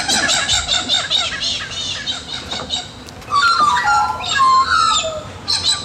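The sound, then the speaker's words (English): A busy chorus of birds calling and squawking around a home in Bridgewater in the morning, with harsh, overlapping cries and chirps layered throughout. The calls are fairly loud, with no one talking. “Well, I was just so delighted yesterday morning getting up and listening to the birds around my home in Bridgewater.”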